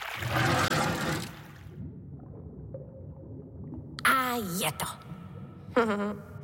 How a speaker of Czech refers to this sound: No, budu muset ještě trochu popustit spodem, protože je voda moc nahoře a mohla by provalit hráz.